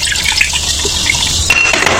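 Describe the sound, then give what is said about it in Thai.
Soda pours steadily into a glass of SM9 for about two seconds to mix a drink, a continuous fizzy, splashing rush with a bright hiss on top and a slight shift in tone as the glass fills. “นี่มาละไล่ฝนนะฮะนี่เติมเอสเอ็มเก้านะฮะเติมโซดาด้วย”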